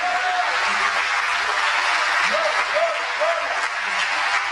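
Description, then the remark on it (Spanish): An audience claps steadily for several seconds in praise of the Lord God Almighty at night, a dense, even wash of applause, with a few short rising-and-falling vocal cries breaking through near the middle. “Oh, denle un aplauso al Señor Dios Todopoderoso en esta noche.”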